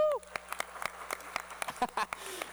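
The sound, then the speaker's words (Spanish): Scattered audience applause at the Teatro Universitario during a TV UJAT production, a loose patter of sharp claps at uneven intervals, fairly quiet, with the tail of a voice at the very start. “Es la primera vez que una producción de TV UJAT llega hasta el Teatro Universitario, así que pues nos merecemos otro aplauso todos, chicas y chicos.”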